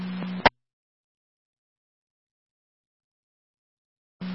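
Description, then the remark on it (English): A low, steady fire dispatch alert tone, the second set of tones from Fire Control for Lewiston 1 and County EMS, sounds over radio static and ends abruptly with a sharp click. Four seconds of dead silence pass before the tone returns at the end. The call is for a 10-month-old with a possible allergic reaction and vomiting. “Fire Control Lewiston 1, 2nd set of tones, County EMS, call the area, 485 Oneida Street between Redland and North 5th.”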